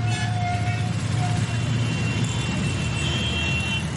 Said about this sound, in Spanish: Pero sobre todo, por encima de todos los ruidos, engorda la contaminación acústica que produce el tráfico intenso en las ciudades.